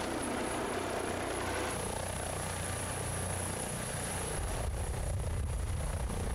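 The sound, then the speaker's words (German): A rescue helicopter, called in by the island doctor for a medical emergency on an island, flies steadily overhead, its loud rotor thrum and broad engine roar continuing without break, with a thin high whine running through the whole time. “Der Inselarzt übernimmt die Erstversorgung und fordert den Rettungshubschrauber an.”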